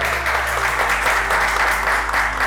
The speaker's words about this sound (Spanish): Un fuerte aplauso, doctora. ¡Qué gusto!